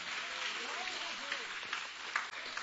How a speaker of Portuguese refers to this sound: Bate as palmas bem alegre para o Senhor, aleluia.